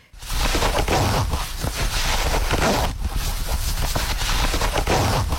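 The short front zipper of a pair of jeans rasps back and forth in a steady, loud scratchy run of short strokes, with a brief break near the middle; it comes across as a rough, shuffling noise with no voices.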